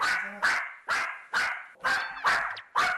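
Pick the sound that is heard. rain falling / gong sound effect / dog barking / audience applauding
dog barking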